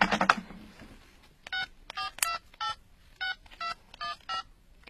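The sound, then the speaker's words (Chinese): A telephone number is dialed to call the Quanjing travel company (全景旅游公司): a rustling clatter, then about ten short, clean beeping keypad tones, each a steady two-note chirp at slightly different pitches, pressed in a quick, uneven rhythm. “要不我现在就给全景旅游公司打个电话问问看，怎么样？”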